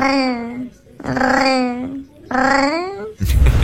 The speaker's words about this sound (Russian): Мне тут попался кот, необычный очень кот, который мурлычет, как настоящий парижанин. Если вот обычные кошки там просто мур-мур, мяу-мяу, да, то эта котяра прямо издает совершенно другие звуки.